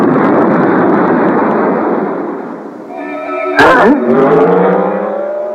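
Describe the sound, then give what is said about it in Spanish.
A new race car with much more power than the Mark 5 roars loudly, then a sharp bang cuts in and the motor revs up, its pitch climbing steadily as it accelerates. “Ni el propio meteoro es capaz de resistir toda esa potencia.”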